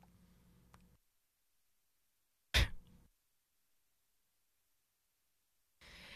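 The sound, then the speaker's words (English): A single sharp, loud cough from a radio host on air at WPRB Princeton 103.3 FM bursts out of near silence and fades quickly. A faint low hum comes before it, and a soft rush of noise follows at the end. “Sorry, I had to cough.”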